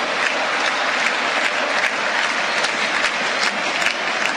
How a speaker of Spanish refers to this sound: Escuchá, escuchá la merecida ovación.